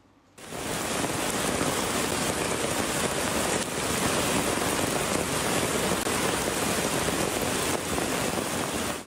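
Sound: heavy rain falling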